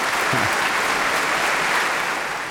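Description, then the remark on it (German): Sustained applause from a large audience after a Bach concert performance, a dense steady wash of clapping that stays loud and even throughout, with no voices standing out. “Ja, mit dem Beifall hätte ich jetzt nicht mehr gerechnet.”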